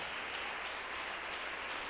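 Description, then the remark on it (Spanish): An audience applauds the Lord steadily, a dense, even wash of many hands clapping at once with no pauses, sustained and fairly loud throughout, with no voices rising above it. “Démosle un aplauso al Señor en este día glorioso.”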